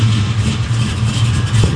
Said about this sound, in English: Okay. Let's go hear the jalopy sound.